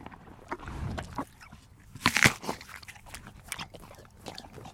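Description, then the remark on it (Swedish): The horse Fabulous Fideli, a world championship gold medallist, crunches and chews an apple, with repeated wet, crisp bites and a louder burst of crunching midway, plus soft snuffling breaths. No one speaks. “Det är alltså inte jag som äter äpplen nu, Fredrik, utan det är Fabulous Fideli som vann VM-guld här i helgen.”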